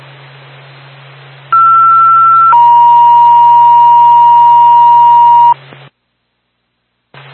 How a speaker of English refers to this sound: Second tone for the Bethlehem Ambulance, mutual aid in the Littleton, 12 Bridge Street for a medical alarm. Bethlehem Fire Department, second tone, mutual aid the Littleton, 12 Bridge Street for a medical alarm, 10-15.